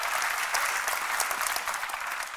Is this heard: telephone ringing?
no